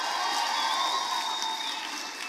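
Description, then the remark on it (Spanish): An audience stands and shouts glory to the King, cheering together in a dense, steady roar of many voices with high whoops cutting through, holding loud for the whole stretch and easing slightly at the end. “My God, ponte de pie, dale un grito de gloria al Rey.”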